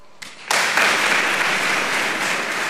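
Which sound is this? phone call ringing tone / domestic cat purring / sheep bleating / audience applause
audience applause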